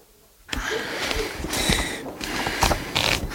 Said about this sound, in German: Und Justus, der auch das restliche Rebus-Rätsel bereits gelöst hatte, zog Goethes Faust aus einem der Regale. Doch als er die Seiten durch seine Finger blättern ließ, machte sich auf seinem Gesicht eine herbe Enttäuschung breit.